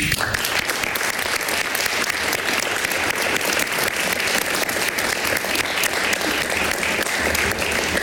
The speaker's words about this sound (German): Und für ihn dennoch hier auch fürs Tonband und für die Dokumentation nochmal einen ganz großen Applaus.